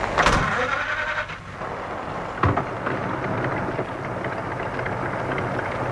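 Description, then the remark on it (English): A car engine whines and catches, then settles into a steady rumbling idle beneath a constant hiss of rain, with one dull knock partway through. “The light of a car coming down the drive. Time to start up, I think.”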